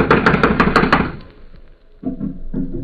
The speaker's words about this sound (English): I'm going to knock. Now listen closely.